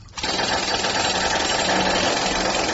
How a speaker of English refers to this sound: I mean, where do you get a jackhammer at 2:30 in the morning? This is crazy.